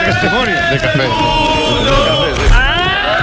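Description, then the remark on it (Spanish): A packed bar of people shouting and cheering at once, loud, the overlapping voices swelling continuously with a sharper burst of yelling near the end. “Ese grito final es un, no llega a ser un irrinchi, es una cosa rara.”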